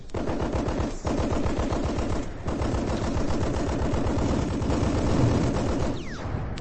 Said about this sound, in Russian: Пулеметчиков вперед! Пусть прикроет огнем наступающую пехоту.